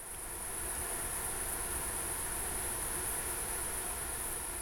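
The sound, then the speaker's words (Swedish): A steady, dense insect drone from a huge swarm of up to 100,000 male insects fills the whole recording, a continuous high-pitched whine layered over a broad hum, at moderate volume with no voices. “Men här är ett största svärmar kan vara på 100 000 individer hannar av. Och då blir det att en summerad effekt som hörs väldigt bra också.”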